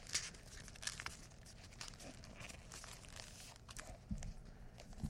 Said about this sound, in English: attempting to use paper more like aluminum foil. Sort of crumpled up around my book.